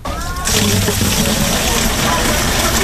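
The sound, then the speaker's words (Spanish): Water gushes steadily as residents fill all kinds of containers at a water distribution point at a public safety complex in Trujillo Alto, a loud, continuous rushing splash that kicks in after a brief moment, with a low engine-like hum and faint voices in the background. “Allí abonados llenaban todo tipo de envases, ya que 3 de los 8 barrios de este pueblo llevan 4 días sin agua.”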